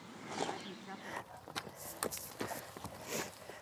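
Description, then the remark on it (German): Hooves of a young horse being led at a walk, a series of irregular clopping steps with some shuffling, over faint background voices and outdoor noise. “Ja, das klappt doch super so mit dem Führen.”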